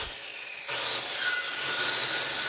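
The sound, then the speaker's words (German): A saw bites into tree trunks after a brief quiet start, producing a steady, continuous grinding whine with a high metallic ring, fairly loud, with no voices. “sägt Baumstämme zurecht.”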